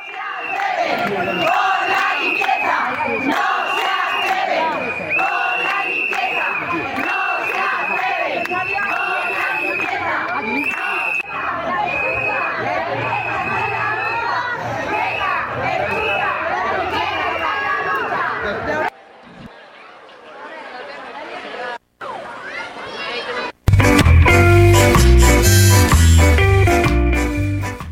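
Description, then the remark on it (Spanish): Hundreds of striking cleaning workers in Zaragoza chant and shout in loud, rhythmic unison at Ibercaja's 150th anniversary event on the third day of their strike, confronting mayor Natalia Chueca, voices overlapping for a long stretch before breaking off, followed by a sudden burst of louder, harsher noise at the end. “En concreto, cientos de trabajadores de la limpieza llevaban este jueves sus protestas hasta el 150 aniversario de Ibercaja, donde han sorprendido a la alcaldesa Natalia Chueca durante la tercera jornada”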